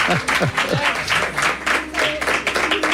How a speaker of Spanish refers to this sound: Qué bien suenan esos aplausos, qué bien suenan.